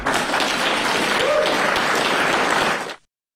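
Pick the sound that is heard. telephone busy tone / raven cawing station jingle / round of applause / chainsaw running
round of applause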